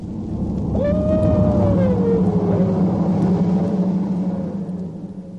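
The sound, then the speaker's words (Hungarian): A dog howls in one long, wavering, mournful cry that slowly slides down in pitch over several seconds, rising above a steady low rumble of wind-like background noise, with no talking. “Mi volt ez? Merről jön a hang? Kutya!”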